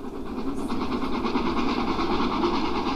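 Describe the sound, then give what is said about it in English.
The 12:40 train rumbles steadily toward a level crossing, a loud continuous roar of wheels and engine with faint rhythmic clatter, holding constant throughout without voices. “She's coming. She's coming. She's at the level crossing.”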